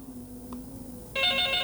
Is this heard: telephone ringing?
yes